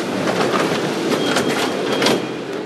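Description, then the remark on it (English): A Mexico City subway train rolls along the tracks with a steady, loud rumble and hiss, punctuated by faint rhythmic clatter, with no voices. “In Mexico City, the subway reserves some cars for women and young children only.”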